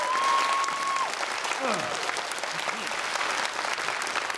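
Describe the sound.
Dense, steady audience applause at a traditional Korean music concert, welcoming the next piece, fills the whole stretch, many hands clapping at once in a continuous wash, with a faint tone and a few brief voiced sounds mixed in early on.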